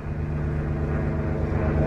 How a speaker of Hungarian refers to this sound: Repülőgép.